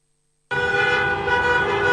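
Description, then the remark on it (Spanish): After a moment of silence, a loud car horn blares abruptly in traffic and holds as one steady, unbroken honk, with no voices. “No te compliques con el tránsito.”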